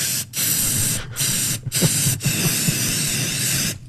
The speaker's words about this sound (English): I'm outside. I'm helping spray paint Charles Millard's bus.